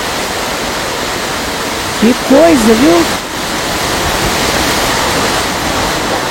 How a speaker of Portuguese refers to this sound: Para quem te acompanha pelo rádio, vai ouvir o som e vai imaginar o que, que aconteceu da chuva forte hoje em Peruíbe, no litoral paulista, o vendaval lá em Peruíbe. Olha, olha o vento que tá. Olha lá os coqueiros, olha a chuva.